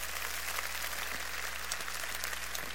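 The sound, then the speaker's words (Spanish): An audience applauds steadily for everyone present at the gathering, many hands clapping into a dense, continuous wash of sound for the whole stretch. No voices come through, and a low electrical hum runs underneath. “Por eso denle un aplauso a todos los que están aquí hoy, porque estos están ardiendo en fuego del Espíritu Santo.”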